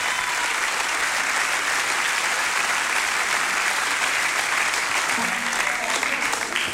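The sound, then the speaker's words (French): Steady, dense applause from an audience for a character role performance on the Radio Escapade programme Tous ou Rien, a continuous crackle of many hands clapping at an even loudness for several seconds with no one speaking over it. “Je vous remercie d'applaudir ce rôle de composition.”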